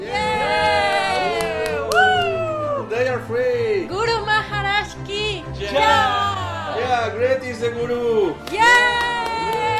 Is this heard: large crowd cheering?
yes